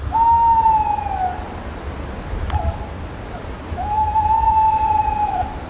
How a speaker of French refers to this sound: les oiseaux chantent aussi pour marquer leur territoire.